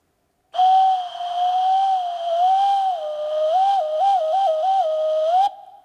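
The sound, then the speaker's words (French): A cuckoo's call that never settles into its two-note cuckoo: one long, steady whistling tone that wobbles and warbles in pitch for about five seconds, loud, then cuts off. “Il sait même plus faire coucou.”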